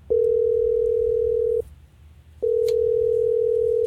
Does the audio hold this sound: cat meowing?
no